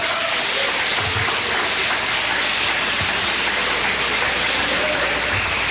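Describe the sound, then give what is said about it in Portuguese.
A church audience applauds to glorify God in a dense, steady wash of clapping that holds at an even level for several seconds, with no voices rising above it. “Podeis assentar, assentando, ocupe as mãos, as palmas que glorifica a Deus.”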